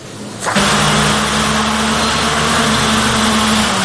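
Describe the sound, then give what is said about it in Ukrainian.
After a brief quieter moment, a drone's motors kick in abruptly during a bench test in a workshop of the 237th separate unmanned systems battalion, running at a steady, loud whir with a constant buzzing whine, holding the same pitch to the end. “Цей дрон не в полоні і йому нічого не загрожує. Це лише тестування його двигунів.”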